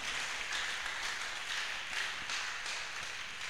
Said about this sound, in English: Give yourself a round of applause one more time. Ẹ̀pàtẹ́wọ́ fúnra yín dáadáa.